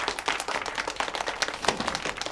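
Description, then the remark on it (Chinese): A crowd applauds to welcome an expert professor sent from Beijing, with dense, overlapping clapping that stays steady and fairly loud for a couple of seconds, with no voices over it. “大家先不要鼓掌”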